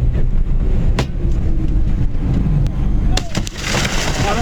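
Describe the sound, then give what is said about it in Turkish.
Several sharp gunshot cracks ring out, one early and then a quick cluster of three, as a masked armed gang opens fire on and stops a Turkish firm's truck in Italy, over a heavy, steady rumble of engine and road noise, with indistinct voices underneath. “Önce ateş açtılar, sonra önünü kestiler.”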